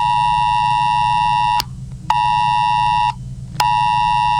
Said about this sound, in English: Millions of phones have received an emergency warning as part of national testing. The alert was sent to any compatible device with a SIM card that wasn't off or in flight mode.